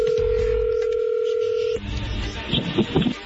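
A telephone number is dialed: a steady, loud two-pitch phone tone holds for nearly two seconds, then cuts off abruptly into muffled low rumbling and faint indistinct voice-like sounds.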